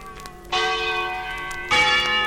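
A bell, presented as the bell of Schiller's poem "Die Glocke", rings twice, the second strike overlapping the first's long, shimmering decay, with rich sustained overtones. Moderately loud, with no voices.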